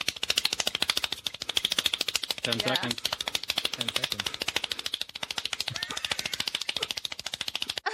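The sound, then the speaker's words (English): A man claps one-handed very rapidly, a world-record 468 one-handed claps in one minute: a fast, steady stream of sharp slaps that runs without pause for the whole clip, with a voice speaking briefly partway through. “It is the most one-handed claps in a minute.”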